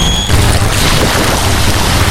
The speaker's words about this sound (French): Fermez les yeux, vous entendez la mer, le vent tourne sur ma peau et les mains de Folica qui vous offrent une vraie évasion.